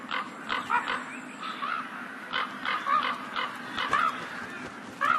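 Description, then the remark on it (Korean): Harsh, croaking calls of ravens repeat in irregular bursts, several overlapping cries rising over a steady low hum with no talking, during a harsh winter where ravens find animal carcasses. “하지만 이들의 움직임과 울음소리는 다른 동물들을 불러들이죠.”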